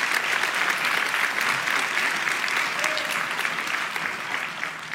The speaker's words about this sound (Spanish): Vamos, iglesia, si va a aplaudir, hágalo con más ganas.